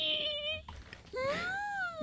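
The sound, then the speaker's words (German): A voice imitates tiny frogs screaming with two shrill, high-pitched wails: a steady squeal that cuts off, then a longer cry that rises and falls, sounding much like an infant's cry. “Kennt ihr diese ganz, ganz, ganz kleinen Frösche, die so anfangen, so richtig zu schreien?”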